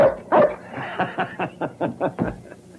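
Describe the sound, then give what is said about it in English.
A dog in a Lipton tea advertisement gives two loud barks, followed by a quick, even run of shorter yapping barks that fade slightly toward the end. “Bark twice if that's right.”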